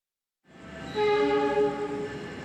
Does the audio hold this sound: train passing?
yes